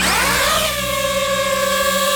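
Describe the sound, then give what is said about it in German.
A small camera drone whirs up to speed, its pitch sweeping quickly before settling into a steady, loud, high buzzing whine with layered tones. No one speaks. “Ja, Drohne, eine kleine, eine, die man aus der Luft filmen kann, die man fotografieren kann.”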